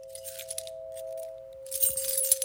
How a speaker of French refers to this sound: Les clés, tout partout, partout où vous allez, vous avez le bruit des clés.